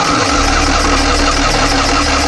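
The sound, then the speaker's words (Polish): A small old Maluch car engine starts up and settles into a quiet, steady idle, its low, even rumble and buzz continuing unbroken for a couple of seconds with no one speaking. “No to odpal go.”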